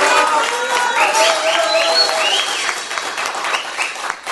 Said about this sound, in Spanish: un aplauso para él.